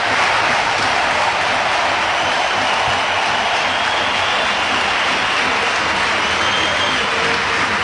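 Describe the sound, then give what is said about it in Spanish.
A vast crowd standing in the Bernabéu stadium applauds Dani Carvajal as he leaves the field at his farewell, in a steady, dense roar of clapping that fills the whole stretch, loud and continuous, with no pauses or talking breaking through. “Entra Manu Romero, que sigue aplaudiendo, ya el abrazo con los suplentes, ya fuera del campo.”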